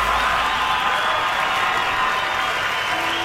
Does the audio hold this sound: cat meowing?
no